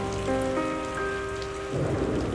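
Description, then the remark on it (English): Steady rain hisses throughout while a pianist's sustained notes ring over it, then a low roll of thunder swells near the end, the thunderstorm sounding fairly loud. “If you listen closely, you'll hear the sound of a thunderstorm behind the pianist”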